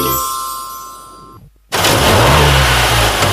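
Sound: car engine revving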